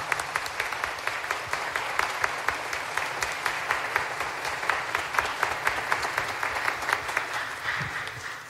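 Sustained applause from a crowd, a dense steady patter of many hands clapping at an even loudness for several seconds, thinning slightly at the very end.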